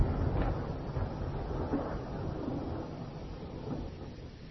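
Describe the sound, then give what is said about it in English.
A low, steady rumble of thunder rolls on throughout, heavy in the bass with a faint crackling texture and no voices. “Thunder growls. Through glistening teeth. Exploring sonic seascapes. One low rumble.”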